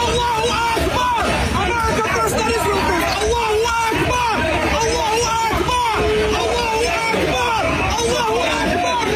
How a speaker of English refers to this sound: Unbelievable. Chanting Allahu Akbar.